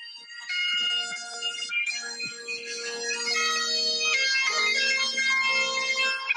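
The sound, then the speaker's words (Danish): Bagpipes play a bright, reedy melody over a steady low drone, the notes shifting in pitch while the drone holds constant, loud and continuous throughout with no voices. Recorded as a phone voice memo in London on a rainy day. “Den her memo, den hedder sækkepipe på min telefon.”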